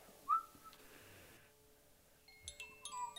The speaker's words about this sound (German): Er hört ein Geräusch. Und denkt, es kommt ein Tiger, der ihn fressen möchte. Aber es war nur ein Vogel.